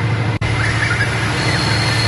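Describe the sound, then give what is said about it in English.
A train sound effect, offered as a steam train, rolls steadily along a track: a continuous low rumble with a faint high whine above it, broken only by a split-second dropout near the start. No one speaks. “Oh no, that just sounds like it's going on a track.”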